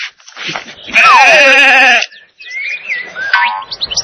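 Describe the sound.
A single loud sheep bleat, about a second long with a quavering, wavering tone, framed by brief voice sounds and chirpy tones before and after.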